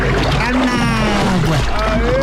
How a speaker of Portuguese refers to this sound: Joga água gelada em quem tá roncando ainda, vai lá.